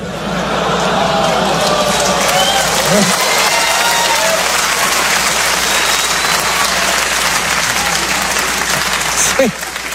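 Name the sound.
audience groaning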